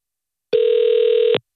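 A single steady electronic ringback tone from an outgoing telephone call to a snackbar, a low-pitched hum lasting under a second before cutting off. It plays alone, with no voices.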